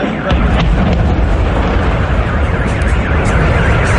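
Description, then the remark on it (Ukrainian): Oil product tanks exploding at the Moscow oil refinery in Kapotnya, Russia, after a drone strike sets the plant ablaze: a loud, dense roar with heavy low rumble that fills the whole stretch without letting up, overwhelming. “Стратегічне підприємство спалахує, там вибухають резервуари з нафтопродуктами.”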